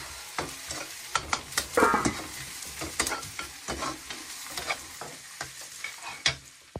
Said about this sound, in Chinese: 看看，来再加点鸡汤，少许点盐，对， 嗯， 翻炒，哎，2分钟即可出锅。